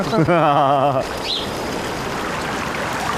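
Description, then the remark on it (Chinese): A person speaks for about a second, then a steady babbling mountain stream takes over, a continuous hissing, gurgling wash of water that stays even in loudness to the end. “其实那些溪流的声音就跟鸟儿的声音就挺像的，他们也是吱吱吱吱吱吱。”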